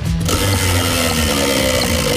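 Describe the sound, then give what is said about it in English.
A prize wheel spins and clatters with rapid, steady mechanical clicks, a loud ratcheting rattle that runs continuously with no voices. “What would you like, mate? Off the wheel.”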